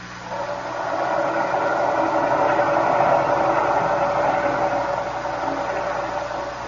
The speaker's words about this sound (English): The engine room reports the propeller is still fouled, sir. It behaves as it did before. It turns, but as if something is holding it back.